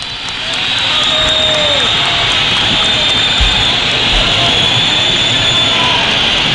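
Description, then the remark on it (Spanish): At the end of an Atlético football match, a large stadium crowd whistles loudly in protest at the team's display, a steady shrill wash of countless whistles layered over a dense, roaring murmur that holds at full volume throughout. “Fuerte pitada, fuerte pitada.”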